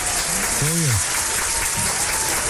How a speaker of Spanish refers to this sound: Los aplausos